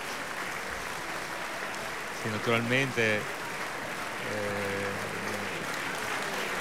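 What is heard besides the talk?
applause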